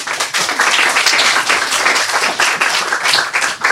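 A crowd applauds steadily for a boy about to tell his story, a dense wash of many hands clapping at once, fairly loud and sustained throughout with no voices standing out.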